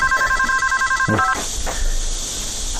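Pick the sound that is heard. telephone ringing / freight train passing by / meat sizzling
telephone ringing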